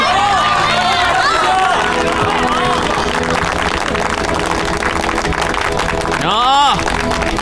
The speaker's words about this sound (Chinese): 他是我们心中的大英雄，中国人的大英雄，我们要用热烈的掌声欢迎大英雄。